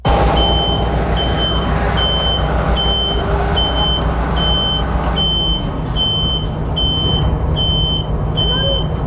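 A reversing truck's alarm, likely from an aerial lift, beeps steadily at a high pitch, about a dozen evenly spaced tones, over a constant low engine rumble.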